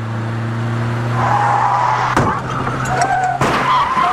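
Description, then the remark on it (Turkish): A car engine hums steadily while tires squeal in a long skid, then two sharp crashing impacts land about a second apart, with the squealing continuing between them: a car crash caused by a driver talking on the phone, in a traffic public service announcement. “Az önce biri telefonla konuştuğu için kaza yaptı.”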